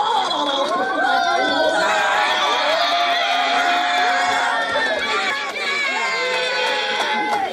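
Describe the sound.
A loud, continuous crowd of children cheering and shouting, with high-pitched overlapping voices, whoops and chatter blending into a steady roar throughout; students of Joseph Burr Elementary School in Fort Smith cheering on this year's graduates during a grad walk down the hallway.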